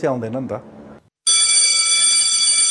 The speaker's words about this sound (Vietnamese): Khi tiếng chuông trường vang lên, các lớp học lập tức dừng lại.